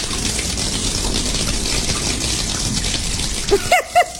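Water leaking through a ceiling runs steadily with a constant hissing rush, then a few distinct drips plop out near the end, clear.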